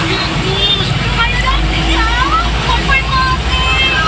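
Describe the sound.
Loud, steady rumble of highway traffic slowing in front of Politron on the Semarang toll road, where two trucks have stopped in the left lane, engines droning continuously with a heavy low hum, and faint voices mixed in underneath.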